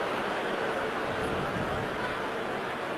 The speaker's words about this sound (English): The previous play is under review. And the groan from the crowd here in Pittsburgh.